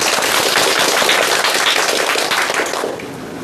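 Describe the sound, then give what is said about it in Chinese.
A dense burst of audience applause welcoming Professor Yao to give a demonstration recitation, many hands clapping in a loud, crackling wash that holds steady for about three seconds before beginning to fade. No one speaks. “接下来我们就请姚教授来为大家示范诵读，大家掌声欢迎。”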